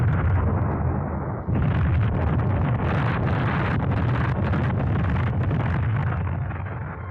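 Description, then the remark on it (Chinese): Landmines explode one after another across the village of Zhaojiazhuang, in and around houses, on roofs, by walls and wells, chicken coops and pigpens, in a loud, unbroken roar, with sharper blasts punching through a heavy rumbling barrage that carries on throughout. No one speaks. “不管是在屋里屋外、房上房下，还是在墙头井边、鸡窝猪圈，哪儿都是爆炸的地雷，到处都成了敌人的坟场。”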